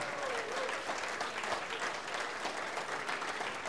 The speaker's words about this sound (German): Ich denke mal, unsere Gäste haben sich einen großen Applaus verdient. Dankeschön fürs Dasein.